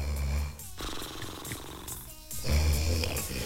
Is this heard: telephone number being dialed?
no